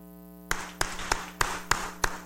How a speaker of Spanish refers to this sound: démosles un fuerte aplauso de felicitación.